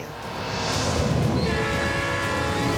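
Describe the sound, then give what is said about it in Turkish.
A train on the Alaska Railroad rumbles along the tracks with a steady low roar, growing louder within the first second, and a sustained horn-like tone enters midway and holds to the end. No one speaks. “Alaska tren yolu.”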